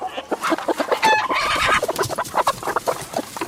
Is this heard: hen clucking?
yes